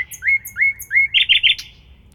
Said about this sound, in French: Et sur ces petits oiseaux, je vous propose qu'on écoute un poème.